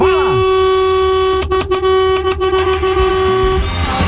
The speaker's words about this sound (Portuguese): Aí o buzinaço